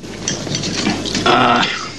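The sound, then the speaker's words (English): Wine is poured into a glass at a hotel to top it up, splashing with a brief ringing gurgle after soft clinks and table clatter, with no talking. “Gordon tops him up.”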